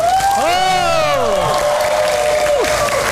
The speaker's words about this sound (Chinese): 一对龙凤新人将在大家共同的见证下行三拜之礼，掌声响起。